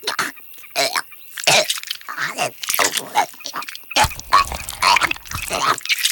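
A barn owl regurgitating food: a rapid series of harsh, throaty retching and gagging bursts with wet, choking coughs, fairly loud and continuous for several seconds.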